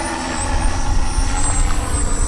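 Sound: drone flying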